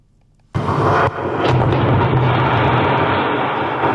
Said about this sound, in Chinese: 几天前，在湖北宜昌三峡枢纽新通道施工现场，随着最后一爆顺利启动，作为施工准备试验工程的三峡枢纽新通道先行开挖区完成全部爆破开挖作业。